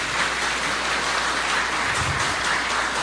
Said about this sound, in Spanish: Venga, el aplauso para las hermanas mercedarias también.